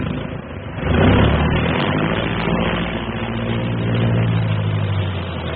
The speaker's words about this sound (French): 8h25, dans un fracas de tonnerre, les moteurs sont mis en marche.